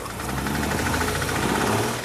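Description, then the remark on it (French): A car engine in the CarSOS workshop is started and runs steadily and loudly, its low rumble carrying a rapid, even knocking pulse throughout, with no voices over it. “Ah oui, j'ai passé toute la nuit ici et nous sommes prêts à essayer de la démarrer.”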